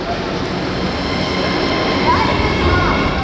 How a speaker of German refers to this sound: Es ist kurz vor 1 Uhr nachts in der Wiener U-Bahn-Station Volkstheater. Die letzten regulären Bahnen der Linie U3 verlassen die Station.